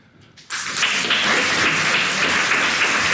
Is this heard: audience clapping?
yes